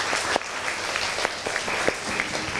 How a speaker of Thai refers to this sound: ก่อนอื่นปรบมือให้กำลังใจเพื่อนหน่อยเลย